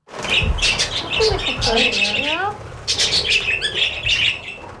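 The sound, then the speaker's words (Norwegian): Six male budgerigars at an animal-welfare shelter in Tromsø, Norway, chatter and squawk busily, a dense chorus of shrill warbling calls and sharp chirps layered continuously, with a brief lull before the noisy chorus picks up again. “Noen lite fjær, men mange av dem ganske aktive, og det spektakel og bråk hele dagen.”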